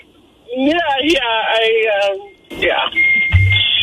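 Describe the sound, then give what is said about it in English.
A French fry timer gives a steady, high electronic beep near the end, sounding after a stretch of someone talking, clear and moderately loud against background noise. “What is that beeping? I think the French fries are ready.”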